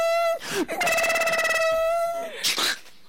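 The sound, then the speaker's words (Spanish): A person imitates a ringing telephone with a sustained, steady tone followed by a rapid trilling warble, fairly loud, with brief breathy vocal sounds around it. “Primeramente soy el teléfono.”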